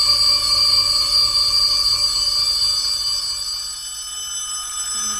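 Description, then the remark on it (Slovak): A school bell rings in a long, loud, continuous metallic peal that holds steady for several seconds, then gradually fades toward the end, with no talking over it. “učiteľka, prosím, cenga.”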